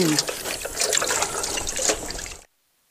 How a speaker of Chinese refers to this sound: 你洗碗的时候小心点啊，不要坏了我这宝贝了啊。我这是老古董。 哎呀，没有事，我小心点吧。你别洗了，我洗碗，我洗碗，我洗碗。 那你洗碗啊。